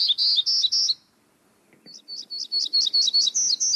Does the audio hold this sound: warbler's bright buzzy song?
yes